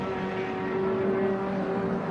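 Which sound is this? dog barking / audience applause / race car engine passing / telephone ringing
race car engine passing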